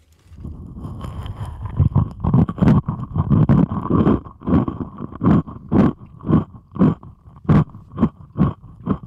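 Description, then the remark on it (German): Loud, boomy crunching of someone chewing a dry rusk (zwieback), picked up through a stethoscope placed on the head: a steady run of about a dozen muffled, rumbling bites with no talking. The chewer's mouth is closed, and the chewing is quiet in the room itself. “Jetzt lege ich mir das mal auf den Kopf hier und esse Zwieback dabei.”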